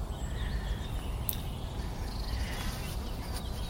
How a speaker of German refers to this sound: Hört ihr da schon die Bienen? Ja.